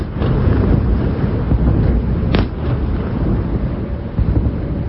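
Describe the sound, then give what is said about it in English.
Heavy, rolling rumble of explosions from a Russian missile attack near Kyiv, Ukraine, just before midnight, fills the whole stretch, a deep continuous boom with one sharper crack about halfway, muddied by wind buffeting the microphone. “Sirens sounded just before midnight and were followed quickly by a number of explosions close to Kyiv.”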